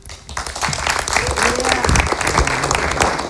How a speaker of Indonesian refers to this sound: Luar biasa, tepuk tangan untuk Wamen Stella. Terima kasih paparannya luar biasa,